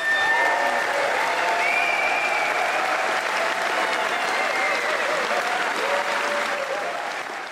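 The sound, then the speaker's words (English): A crowd of real people applauds steadily and loudly for several seconds, dense clapping with a few faint voices and tones mixed in, tapering slightly at the end. “All right, those are real people clapping.”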